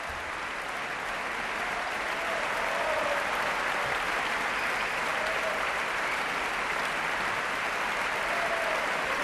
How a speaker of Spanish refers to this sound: Gran ovación para la Orquesta Nacional de España. Y David Afkan sale de nuevo a saludar.